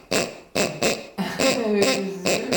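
A noisy dog-toy instrument sounds in loud, buzzy honks: three short evenly spaced bursts, then a longer wavering squeal that dips in pitch, and one more short honk. No one speaks.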